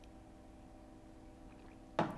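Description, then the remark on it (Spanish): A steady low hum runs throughout, then near the end comes one short, wet burst, like a small sip or a quick splash of poured water. No one speaks. “Poquito de agua.”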